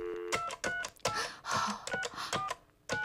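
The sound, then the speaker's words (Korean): A rapid series of push-button telephone dialing tones from a public payphone near a school, dialing a singer's phone number, roughly eight short beeps in an irregular rhythm, each paired with a soft key click, fairly loud with no voices. “떨리는 마음으로 전화를 눌렀죠.”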